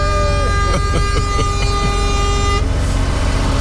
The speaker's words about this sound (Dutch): Gewoon die toeter even 30 seconden inhouden.